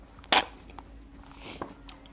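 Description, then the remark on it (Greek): A short, loud slurp of iced freddo espresso, followed by a few softer slurps and faint clinks of ice cubes in the glass. No one speaks. “Ακούστηκε το ρύφημα.”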